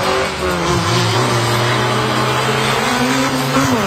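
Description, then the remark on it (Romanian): Race car engines rev loudly and continuously, a droning mechanical roar with rising and shifting pitch as the cars accelerate through a town during a national electric-vehicle race with young drivers, some only 8 years old. No voices are heard. “Tinerii piloți au transformat orașul într-un adevărat circuit al adrenalinei. Motoarele au răsunat încă de dimineață, iar fiecare viraj a venit la pachet cu multe emoții.”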